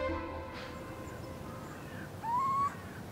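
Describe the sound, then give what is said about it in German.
An owl in a barn gives a single rising call, loud, lasting about half a second against a steady, low background hum. “in dieser besonderen Scheune und mit dieser Eule geht vielleicht noch mehr.”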